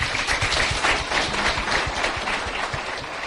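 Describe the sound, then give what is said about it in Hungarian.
A crowd at a lecture event applauds steadily to welcome Bishop János Székely of Szombathely, president of the Hungarian Catholic Bishops' Conference. A dense wash of many hands clapping at an even, sustained loudness lasts a few seconds, with no voices standing out. “Székely János, szombathelyi megyés püspök, az MKPK-nak az elnöke látogatott el hozzánk, egy nagy tapssal köszöntsük őket.”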